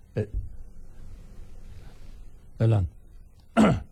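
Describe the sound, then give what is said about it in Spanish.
A loud sneeze bursts out, followed a couple of seconds later by two more sharp, explosive sneezes, each brief and breathy with quiet gaps between them. “No, fue un estornudo, aquí tengo mi Kleenex, ¿sí?”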